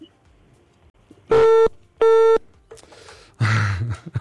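A telephone busy tone sounds twice after a radio station's call to a motorcycle owner is cut off, two loud, steady electronic beeps of equal length with a short pause between, followed by some muffled rustling and noise.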